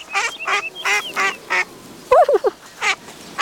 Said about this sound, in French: Tiens, des canards. Devant lui, Toudou voit une grande mare avec des canards.